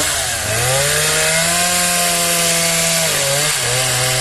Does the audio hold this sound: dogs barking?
no